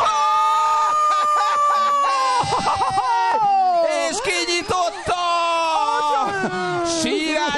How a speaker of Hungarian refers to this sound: Nagy sírás van!